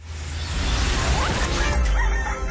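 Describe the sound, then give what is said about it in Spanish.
A rooster crows amid a dense, noisy background, its strained, rising call standing out briefly before trailing off over the steady low rumble. “A la hora en que los gallos cantan, la chula sigue dormida.”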